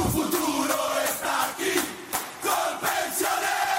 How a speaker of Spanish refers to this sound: La tribuna revienta de la dicha porque para ganar este partido estamos todos en la cancha.